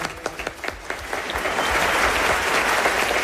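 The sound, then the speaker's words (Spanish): Audience applause from the newly opened theatre boxes, whose occupants were asked to clap so they could be heard on the radio: scattered individual claps at first that quickly build into dense, steady clapping from many hands, holding at full strength to the end. “Qué bien suenan además los aplausos desde los palcos.”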